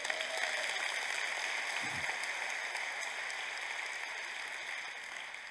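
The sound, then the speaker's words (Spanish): A large gathering claps steadily for several seconds, a dense, continuous patter of many hands that holds its level throughout before easing slightly at the end, with no voices over it. “Ahora sí, dame un aplauso.”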